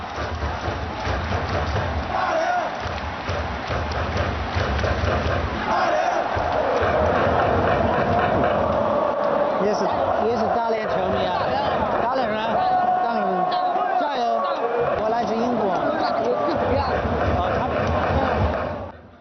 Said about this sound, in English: jumping up and cheering and chanting.